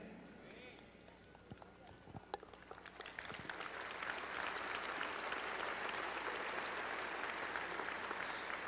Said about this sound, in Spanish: Si le van a dar un aplauso a Dios.